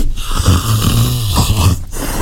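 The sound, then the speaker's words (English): A deep, rumbling growling grunt from a big cat that stalks trees, climbs their branches and is covered in rosettes; a rough low snarl that pulses unevenly across two seconds, loud and raspy with no voices present. “It's quite a growling grunt, isn't it? From a weird beast, I think. They are a type of big cat.”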